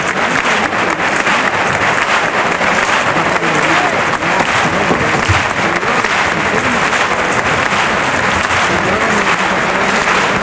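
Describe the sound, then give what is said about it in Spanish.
A large crowd applauds steadily at a bullring in Huelva, an ovation for the Juan Pedro bull as bullfighter David de Miranda takes the two trophies on a lap of the ring. A dense, loud wash of clapping holds evenly for the whole stretch, with a faint murmur of voices mixed in. “Al toro de Juan Pedro, ha habido una ovación para el toro y sale a recoger los dos trofeos David de Miranda para dar la vuelta al ruedo con las palmas choqueras.”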